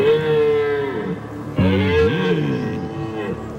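Two long, loud bellows from a rutting stag during the October rut at the Geisberg, each a deep, harmonic-rich roar that rises and falls in pitch, the second starting abruptly after a brief gap and trailing off slowly.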